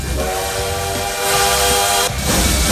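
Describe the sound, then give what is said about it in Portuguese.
A bullet train sound effect played on the radio station Paz FM: a sustained, loud steam-whistle-like horn tone with rumbling rail noise and hiss underneath, running steadily for a few seconds with no voices. “Vai no trem bala até às 7 da noite”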